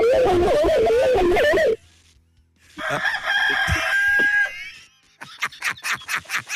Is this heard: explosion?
no